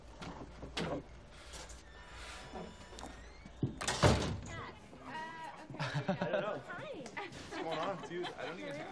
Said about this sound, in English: In here now. Close the door.